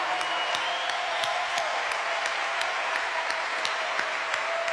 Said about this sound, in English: And there's a decent number of kids out here tonight too, so they should also just get a huge round of applause. Good for you.